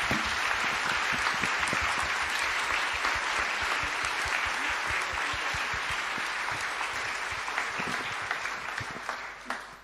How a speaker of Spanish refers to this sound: Aclamemos con un fuerte aplauso la palabra de Dios.